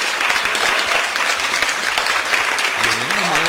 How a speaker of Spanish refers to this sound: Ovación, a ver.